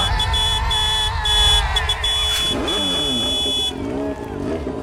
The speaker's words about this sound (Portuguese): Band FM, eu quero essa motona! Tá aí a motona da Band FM acelerando e buzinando no da Play, anotou aí?